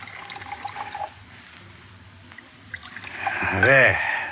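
Brandy is poured into a brandy snifter, a brief gurgling stream whose pitch rises as the glass fills, following a quieter stretch with faint murmuring and handling sounds.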